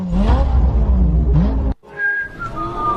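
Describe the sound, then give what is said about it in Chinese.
A voice mimics a revving car engine as a mouth-sound imitation in a comedic race skit, its buzzy pitch climbing and dipping for about two seconds, then a brief break before higher, thinner engine-like tones continue. “哪来的引擎声？”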